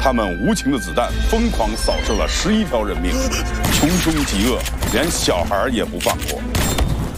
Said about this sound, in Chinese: 枪声是那种沉闷且突兀的，尤其是在走廊里的激战